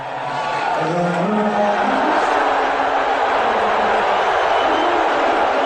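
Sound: arena crowd booing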